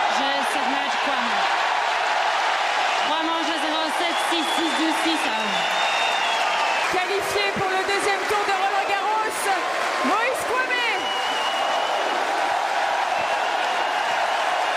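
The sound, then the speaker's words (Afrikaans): A Roland Garros tennis crowd in France cheers and applauds for 17-year-old French player Moïse Kouame after his straight-sets win over Marin Cilic, a steady, loud roar of clapping, with many voices shouting and chanting over it for the whole stretch. “Dis hoe dit klink as jy die plaaslike Roland Garros ondersteuners aan jou kant het.”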